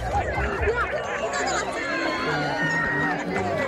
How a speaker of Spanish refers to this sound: Primero, vítores, gritos, aplausos cuando la luna comenzaba a tapar el sol a las 8:30.